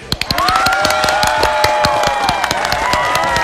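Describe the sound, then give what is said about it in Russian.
A burst of loud, steady applause, many hands clapping in a dense rapid patter, with sustained cheering or whistling voices rising above it; it starts with a few separate claps. “Ну, а вам всем аплодисменты, конечно же.”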